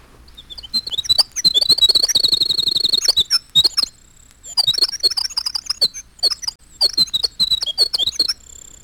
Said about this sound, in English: But at normal pitch, he sings so high and so rapidly that we miss almost entirely the fantastic intricacies of his little song. This is the winter wren.